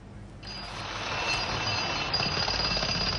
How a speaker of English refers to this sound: The sound of a drill echoes through Aleppo's old market, a symbol of the city's once vibrant trade.